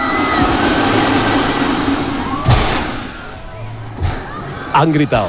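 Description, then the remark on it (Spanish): Riders cry out over the steady mechanical roar and rumble of the Space Shot drop tower ride as it charges its tanks and fires, with a couple of sharp thuds, then louder shouting bursts right at the end. “Han gritado, se ha escuchado, han gritado.”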